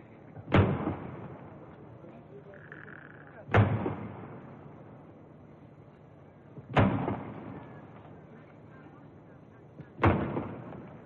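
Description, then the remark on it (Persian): Four booming cannon shots of a ceremonial 50-gun salute marking 50 years of Pahlavi rule, as the Shah arrives at the square for a military review, fired at a steady pace about three seconds apart, each blast rolling away in a long, echoing decay across open ground. “50 تیر توپ به مناسبت 50 سال شاهنشاهی پهلوی شلیک می شود.”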